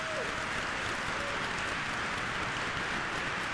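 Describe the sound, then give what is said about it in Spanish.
An audience at a Spanish-language church service claps together in applause for the word of God, a dense, steady wash that holds at an even level for a few seconds, with no voices standing out. “Dale un fuerte aplauso a esa palabra de Dios.”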